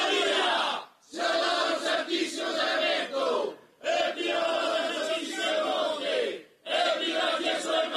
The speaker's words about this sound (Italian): E al grido Dimo una volta evviva, loro si esprimono col dire evviva Maria, sia lodato il Santissimo Sacramento, evviva la Madonna Santissima del Monte, evviva Gesù e Maria.